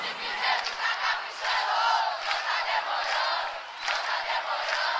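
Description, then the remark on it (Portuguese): A large crowd roars and cheers continuously for several seconds, with scattered clapping mixed into the loud, steady wall of voices, swelling slightly in the middle and again near the end. “Dá várias palmas.”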